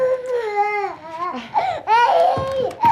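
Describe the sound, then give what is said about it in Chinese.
A baby boy wails in loud, drawn-out cries with wavering pitch, breaking into several sobbing bursts, with no talking over it. “你不是喂过了吗？喂过怎么还哭啊？”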